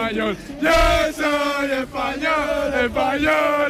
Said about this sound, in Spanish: Pues la fiesta sigue a tope aquí. La gente grita Viva España todo el rato.